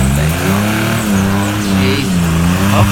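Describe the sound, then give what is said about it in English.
A car engine revs hard and steadily, its droning pitch wavering up and down as it strains without moving, the car jammed in mud. It is loud and continuous, with no talking. “I think we're going to have to get this towed away. It's absolutely jammed in the mud here.”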